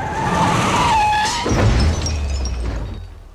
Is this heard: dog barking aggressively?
no